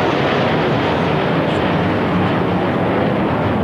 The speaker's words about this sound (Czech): Prezident taky propůjčil bojové prapory několika armádním velitelstvím a při slavnostním pochodu na konci piety pak nad Vítkovem přeletělo 5 armádních letounů.